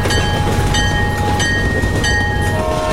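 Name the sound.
train rolling on rails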